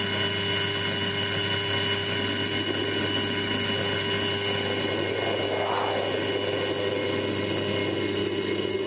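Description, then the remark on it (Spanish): A loud electric bell rings continuously for the whole stretch, a harsh, steady metallic clatter with no pauses and no voices, like a school recess bell. “emerge el recreo de la tierra de las mil danzas. Suena el timbre, suena el timbre.”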